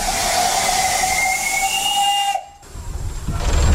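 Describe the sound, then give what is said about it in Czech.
The whistle of a 1925-built steam locomotive, heard from the cab beside the driver during a Czech Railways steam weekend, blows a sustained, sliding tone over loud, broad hissing steam. It cuts off abruptly and the rumbling hiss of the engine returns. “Poprvé v životě jedu parní lokomotivou hned vedle strojvedoucího.”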